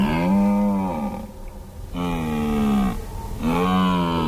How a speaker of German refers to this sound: Es war ein Hirsch. Ein Hirsch, der so Brunftrufe macht.